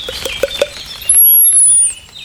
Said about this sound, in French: Mésange longue queue.